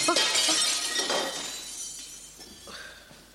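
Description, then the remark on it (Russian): A window pane of an embassy is smashed by a thrown stone with a loud crash, the third this week, followed by a few seconds of glass shards tinkling and scattering as the sound gradually fades. No one speaks. “Опять стекло высадили.”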